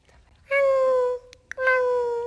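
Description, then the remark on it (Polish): A child's voice imitates a tiny kitten, giving two drawn-out, high mews with a short pause between them, fairly loud, each pitch sliding slightly downward. “Taki malutki kociak.”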